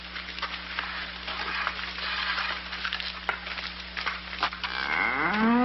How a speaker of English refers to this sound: I mean, look at this big cow. I'd like to get some of that.